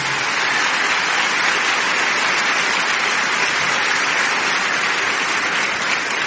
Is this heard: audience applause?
yes